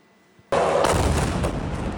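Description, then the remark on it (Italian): A sudden loud blast erupts in the night from near silence, followed by a sustained, rumbling roar of further explosions and crackling bursts that continue without pause, as Ukrainian drones and missiles strike one of Russia's largest oil refineries at the edge of Moscow. “Un boato nel cuore della notte e a seguire tante altre esplosioni.”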